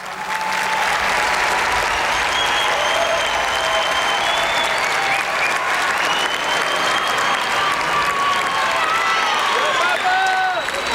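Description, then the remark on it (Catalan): Sustained applause from a large crowd at a gathering of faith in Barcelona, Catalonia, keeping the speaker from continuing, steady and loud for the whole stretch, with scattered whistles and cheers rising above the clapping. “Aplaudiments de la gent que no el deixen continuar.”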